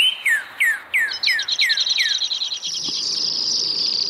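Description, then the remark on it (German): A bird sings a trill: a series of about seven descending whistled notes repeated steadily, then shifting into a rapid, high buzzing trill that runs on continuously to the end, with no voices. “Vögel produzieren langsame, schnelle und ultraschnelle Triller.”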